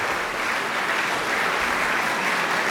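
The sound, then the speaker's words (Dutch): Sustained, dense applause from a large classical concert audience after a performance of the septet opus 20, steady and loud throughout with no letup, calling the musicians of the Schumann Quartet back for an encore. “Daar komen ze niet meer weg. Het publiek laat ze gewoon niet gaan.”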